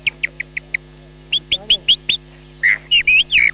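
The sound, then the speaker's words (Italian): A person whistles an imitation of a blackbird's dawn song: a run of quick, high chirps, then longer warbling, fluttering phrases, clear with no talking. “E ora adesso vi faccio sentire il merlo all'alba.”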